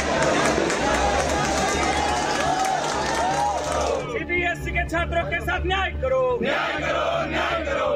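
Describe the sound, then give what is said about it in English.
A large protest crowd of Cockroach Janata Party supporters, students, parents, exam aspirants and activists roars and chants at a rally at Jantar Mantar over NEET and CBSE paper leaks, many voices shouting together in a dense, loud wash of noise, with individual shouts and cheers rising above the sustained clamor. “Supporters of the Cockroach Janata Party crawled out of the virtual world and swarmed Jantar Mantar, transforming viral clicks into a public crusade.”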